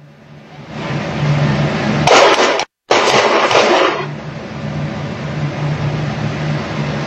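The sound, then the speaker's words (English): Several sharp gunshots crack in a quick cluster over a couple of seconds, rough and distorted, captured on surveillance video after ICE agents surrounded a car and ordered the driver out, over a steady low hum and background noise, with no talking. “Then seconds later, we're told they heard gunshots, and it was also captured on surveillance video.”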